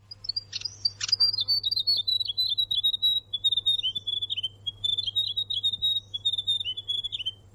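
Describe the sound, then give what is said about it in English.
A grey warbler (rero rero) sings a long, sweet, high trilling warble that wavers gently up and down without pause, clear, over a faint steady low hum. “So if you hear that, you'll know that you are listening to the grey warbler, or the rero rero.”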